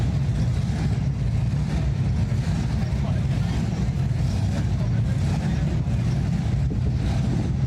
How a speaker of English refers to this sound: The sounds of engines revving throughout Kearney as the Show and Shine took over the bricks. The classic hot rods paraded up and down 2nd Avenue into the night hours.